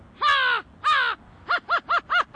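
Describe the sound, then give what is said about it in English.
A boy's voice mimics an American crow: two long, harsh caws followed by a quick run of five shorter, clipped caws, loud with nothing else in the background. “American Crow.”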